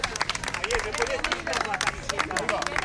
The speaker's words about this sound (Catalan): entre els quals Javier Bardem i Victoria Luengo, que cridats per la gent que està esperant darrere d'unes tanques aquí al costat de l'entrada de l'hospital, els han cridat, han aplaudit i ells han anat allà a fer-se unes fotos.